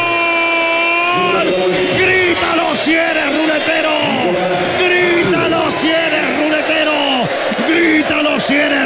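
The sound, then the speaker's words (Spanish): Football players shouting and yelling on the pitch after a player's headed goal for Everton, a dense overlapping clamor of loud, strained voices rising and falling in pitch without pause, with one long sustained cry at the start. “Escucha los gritos de los jugadores aquí en la cancha y también en Viña del Mar.”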